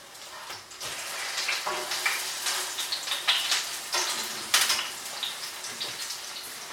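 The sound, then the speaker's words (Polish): Pancakes, fried two at a time, sizzle in a hot pan, a steady crackle and spatter that rises in small bursts over several seconds, with no voices. “Oczywiście takie pieczenie po 2 na patelni zabiera więcej czasu, ale jest bezpieczniejsze i łatwiejsze.”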